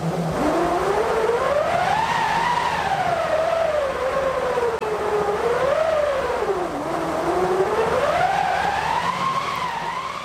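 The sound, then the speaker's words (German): A hand-cranked wind machine, a cranked roller rubbing against a stretched canvas or linen cloth on a wood or metal frame, whistles continuously, its howling tone sweeping up and down in pitch in slow waves as the cranking speeds and slows, steady and fairly loud throughout. “Daraus besteht eine Windmaschine und die kann solche Klänge erzeugen.”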